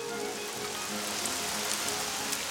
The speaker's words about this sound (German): Lauer Regen, Sommerregen, rauscht von Büschen, rauscht von Bäumen.